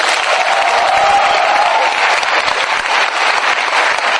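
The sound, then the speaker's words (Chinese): An audience at a xiangsheng (crosstalk) show by the Qingqu She troupe breaks into sustained applause, a dense, steady wash of many hands clapping at an even, fairly loud level throughout, with no voices standing out. “在这儿，祝愿大家身体健康，万事如意，学业顺利，少生嫌弃，掌声随意。”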